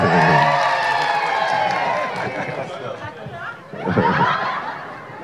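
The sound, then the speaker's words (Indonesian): A large crowd erupts in loud, sustained cheering and shouting, dipping briefly before surging again, with overlapping voices and laughter mixed into the roar, as the name of Cabinet Secretary Teddy Indra Wijaya is called out. “Saya nggak mau sebut sekap karena tiap saya sebut namanya lebih teriak.”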